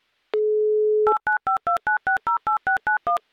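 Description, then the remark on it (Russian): A short steady dial tone, then eleven quick touch-tone beeps in a brisk, even rhythm as a woman's phone number is dialed. Clear, with no voices. “И пока вы это делаете, я просто наберу ее номер телефона и узнаю, как у нее, соответственно, проходит день.”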